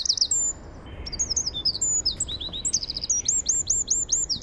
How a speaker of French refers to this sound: Il fait 9 cm du bout du bec au bout de la queue, mais bien étiré. Hein, parce qu'en fait, il est tout rond. Il a la forme de l'œuf dont il est issu. Et il a un chant d'une puissance. On va l'écouter. On va l'écouter, le troglodyte mignon.